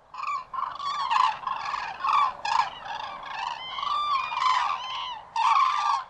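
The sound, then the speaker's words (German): Loud, repeated trumpeting calls from cranes, overlapping in a raucous chorus of bugling notes with barely a pause, steady throughout. “Der Kranich, der ist auch wieder so ein ganz faszinierender Vogel für sich selbst.”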